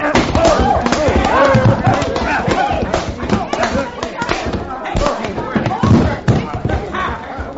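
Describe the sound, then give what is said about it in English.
A flurry of sharp, heavy punch impacts and thuds ends with a man being knocked down, with grunting voices and scuffling underneath the blows. “You darn near knocked his head right off his shoulders, you did.”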